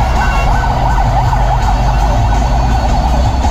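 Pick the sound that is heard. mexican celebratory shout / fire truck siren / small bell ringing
fire truck siren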